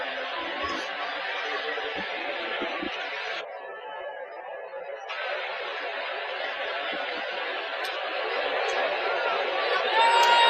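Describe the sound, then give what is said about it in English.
A steady, dense roar from a big crowd at a baseball game with the White Sox, many voices blending into a continuous wash. It dips briefly partway through, then swells back and grows slightly louder toward the end. “Big crowd here at the ballpark, and a swing and a foul right at home plate.”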